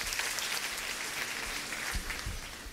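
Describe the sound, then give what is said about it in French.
Steady applause from a church audience for a pastor, a dense wash of many hands clapping at an even, sustained level throughout, with a few low thumps near the end and no voices. “Que bon Dieu béni l'applaudit cet esprit de Dieu dans la vie serviteur.”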